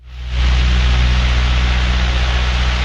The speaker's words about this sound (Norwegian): Forestill deg den dype, brommende lyden fra tre Maybach-motorer som ga gjenklang mellom husene I Vadsø. En lyd man aldri hadde hørt før I Finnmark.